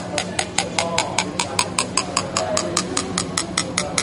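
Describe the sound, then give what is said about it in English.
A spoon stirs briskly in a cup of water with a spoonful of Alka-Seltzer, clinking against the sides in a steady, rapid rhythm of about five taps per second over a constant hiss of fizzing liquid; the pitch of the taps drops as it fizzes. No one speaks. “Now I'm going to put in a spoon of Alka-Seltzer now and stir it up.”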